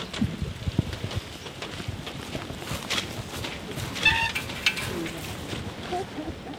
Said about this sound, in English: Now, even though it's raining